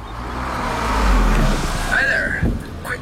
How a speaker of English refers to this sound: Is that your exhaust? Oh, yeah. Running rich. My nose says very. Your nose is right.